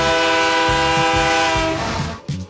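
A loud, sustained train horn blares with rich harmonic tones over a low rumbling rhythm of rolling rail cars, fading slightly near the end with a brief burst.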